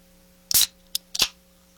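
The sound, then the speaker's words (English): A can of mango-flavored sparkling water snaps open in three short, sharp bursts of crackly hiss; any fizzing afterward is too faint to make out. No one speaks. “A little bubble and sizzle there.”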